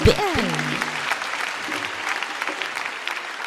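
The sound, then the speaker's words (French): An audience applauds the Lord for his presence in a dense, steady wash of clapping that holds for several seconds, with a brief sung or spoken voice rising and falling at the very start. “Applaudis le Seigneur pour sa présence.”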